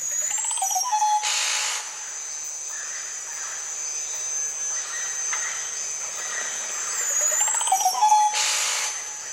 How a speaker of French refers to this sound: Il y a d'autres oiseaux que l'on peut proposer aussi, les oiseaux de ces environnements-là, de la Guyane.